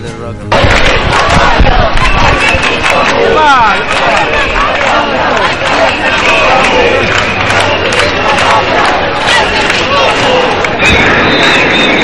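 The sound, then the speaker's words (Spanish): A protest crowd of about 25,000 people demonstrating against mass tourism on the island, called by the association Menys Turisme Més Vida, shouts chants in unison: a loud, dense roar of many voices that starts abruptly and holds steady for about eleven seconds with rhythmic surges and whistle-like cries. “ya hartas y sus gritos fueron estos.”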